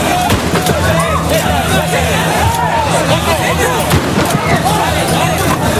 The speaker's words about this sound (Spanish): Disparos al aire por parte de la Policía Nacional y es que las escenas de tensión se repiten cada tarde-noche.